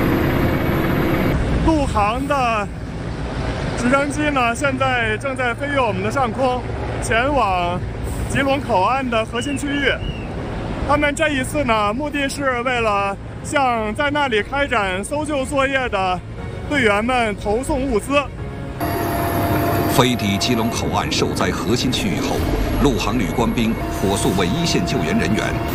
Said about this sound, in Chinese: 陆航的直升机呢，现在正在飞越我们的上空，前往吉隆口岸的核心区域。他们这一次呢，目的是为了向在那里开展搜救作业的队员们投送物资。